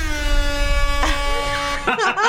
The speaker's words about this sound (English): And did you notice when we play a banger, we play the air horn? Yeah, it's a dub siren. Yeah, so if you ever hear this...